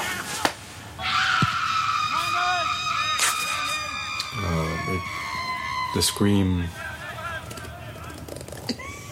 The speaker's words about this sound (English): The scream. And I just like to scream because I like it.